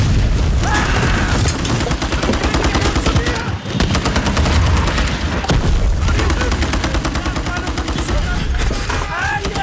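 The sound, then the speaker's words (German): A dense, loud film battle soundscape of rapid gunfire bursts and booming explosions, with continuous rattling volleys and a brief lull just before the barrage resumes. “weil so viele Explosionen in dem Film sind, wahnsinnig viel lautes Kampfgeschehen.”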